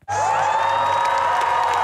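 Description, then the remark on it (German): Supporters of Sweden's Social Democratic Party cheer loudly and continuously on election night, with whoops and high shouts rising from a dense wall of voices that starts abruptly and holds at full volume throughout. “Es ist eines ihrer schlechtesten Ergebnisse seit rund 100 Jahren und trotzdem jubeln Schwedens Sozialdemokraten.”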